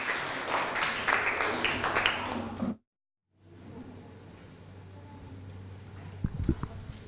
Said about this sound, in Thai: นักเรียนต้นทางพร้อมไหมครับปลายทางพร้อมไหมครับถ้าพร้อมแล้วขอเสียงปรบมือให้กับตัวแทนกลุ่มที่2ครับ